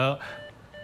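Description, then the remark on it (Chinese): A brief burst of voice gives way to steady electronic phone tones as the other party hangs up mid-conversation: a short flat beep followed by another after a small gap, clear, like a line going dead. “什么情况？每次我没说完话挂我电话。”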